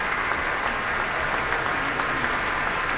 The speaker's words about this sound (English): He's back on stage now for a solo bow and a heartfelt bow, receiving the applause here from this audience at the Pritzker Pavilion.